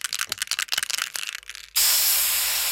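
A spray can is shaken with a quick series of rattling bursts, then releases a steady, loud hiss of spray that continues to the end.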